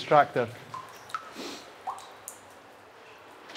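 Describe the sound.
Scattered water drops plink one at a time in a hollow, echoing cave about 100 meters long and 30 meters underground, dripping where stalactites form, a few seconds apart and fairly faint, after a brief bit of voice at the start.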